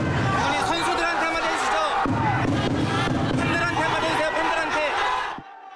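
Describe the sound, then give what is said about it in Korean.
A loud, dense crowd of football fans at an airport roars and boos without pause as former national team coach Hong Myung-bo arrives, shouting for him to go, many voices overlapping into a continuous wall of noise, with scattered shouts and thumps, before it cuts off abruptly near the end. “홍명보 전 감독이 나오기 전부터 팬들은 홍명보 나가를 외치기 시작했고, 야유 속 등장한 홍전 감독은 취재진의 질문에 아무 답변 없이 공항을 빠져나갔습니다.”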